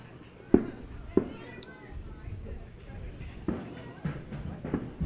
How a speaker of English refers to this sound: Some fireworks going off in the background.